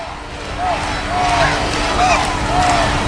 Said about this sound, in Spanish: ha coreado mucho el nombre del rey, por cierto, Felipe, Felipe, como se está coreando ahora